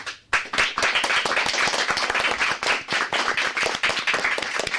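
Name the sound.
students clapping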